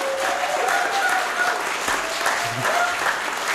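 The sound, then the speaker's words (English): A room full of people at a live concert clapping steadily for the performer, a dense wash of applause that stays loud and even throughout, with faint whoops and voices mixed into the crowd noise. “So give them a huge round of applause.”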